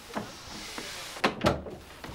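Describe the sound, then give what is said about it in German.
A door swings shut, a muffled thud followed quickly by a louder latching clunk, with a few faint knocks and rustles around it and no talking. “Komm rein und mach die Tür zu.”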